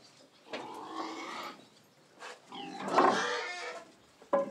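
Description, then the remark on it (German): Pigs in a farm stall in the Spreewald, Germany, grunt and squeal in a few rough, uneven bursts as the stall is mucked out, with a louder squeal near the middle and a short sharp grunt at the end; no people talk. “Dann könnt ihr ein bisschen an die Sonne. Ja. Schweine mögen es sauber.”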